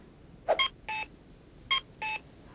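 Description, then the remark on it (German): An electronic two-note cuckoo signal from an accessible pedestrian crossing signal for blind people in Canada, sounding twice: a short chirp followed by a longer tone, repeated after a brief pause, clear over faint background hiss. “In Kanada klingen sie wie ein Kuckuck.”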